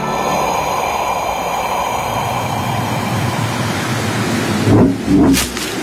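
A steady, loud roar of snowstorm wind in heavy snow on the way to Mount Kailash blows throughout, with two heavy rumbling bursts of thunder rolling in close together near the end. No voices are heard.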